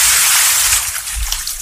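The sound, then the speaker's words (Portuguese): A bucket of water is flung onto a person in one loud rush, a sharp splash that hisses brightly at first and then trails off into scattered spattering. No voices. “Eu vou jogar um balde de água na pessoa aqui. Primeiro eu vou jogar água, depois eu falo em quem.”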